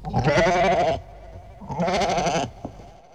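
A goat bleats twice, loudly, each call a wavering, nasal cry lasting about a second, with a short pause between them and no voices.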